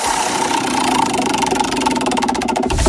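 A prize wheel spins with a rapid, steady run of loud clicks that become more distinct and spaced out near the end as it slows, with no voices over it.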